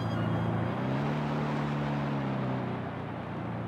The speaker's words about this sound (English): I've reversed the engine so we can ease into our mooring